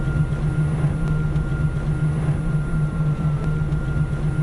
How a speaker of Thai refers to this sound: แล้วก็อีกอย่างนึงคือเสียงเงียบมากค่ะ uh-huh. เสียงเครื่องยนต์ไม่มีก็จะมีแค่เสียงมอเตอร์ไฟฟ้านิดหน่อยที่ปล่อยออกมา